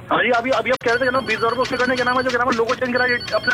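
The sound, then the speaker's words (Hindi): A phone ringtone plays loudly and continuously, a bright melodic tune of sustained, rich tones that step up and down in pitch, with a brief break near the start. “एक second phone आ रहा है.”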